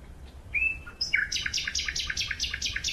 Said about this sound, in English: In the middle of the night, I satisfied my desire and recorded a lone male nightingale singing in the dark.